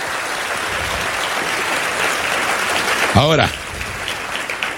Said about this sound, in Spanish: Amén. Dele fuerte ese aplauso al Rey.